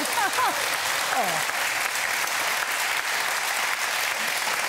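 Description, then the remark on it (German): Loud, steady applause from a studio audience welcoming two studio contestants fills the whole clip, a dense wash of clapping with a few brief cheers or whoops rising early on. “Und Sie kennen das schon mit dem Applaus, denn Sie waren tatsächlich vor 10 Jahren fast genau auf den Tag schon mal hier.”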